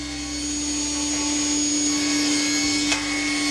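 An industrial saw runs with a steady, loud mechanical drone, a strong low hum beneath a hissing whine, holding constant throughout with one brief sharp click near the end. No one speaks.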